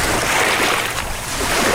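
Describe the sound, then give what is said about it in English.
A boat rides on open water on a windy day during a lengthy ride to the shore of the Lemon Tree Mound, with a steady wash of waves and rushing wind filling the whole stretch. It is loud and constant, with no voices. “After a lengthy boat ride, we finally pull up to the mound's shore.”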